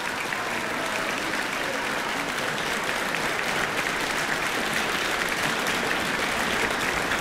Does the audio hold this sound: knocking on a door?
no